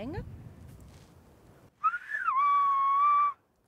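A loud whistled-language greeting: a short wavering glide that drops into one long, steady held tone lasting over a second, then cuts off, with only faint background noise before it.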